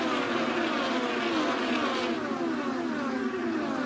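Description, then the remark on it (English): Several race cars at the tail end of the field roar past one after another, their high engine whines overlapping and sliding downward in pitch as each goes by, loud and continuous with no talking. “the field tail end coming by you right now.”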